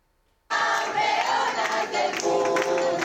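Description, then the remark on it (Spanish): After a brief silence, a loud crowd of family and fans at Madrid's Barajas airport, waving flags to welcome the Spanish rhythmic gymnastics team, abruptly erupts into sustained cheering, shouting and applause, a dense, continuous roar of many voices that holds steady until the end. “La selección española de gimnasia rítmica ha aterrizado en Madrid entre aplausos, banderas y gritos.”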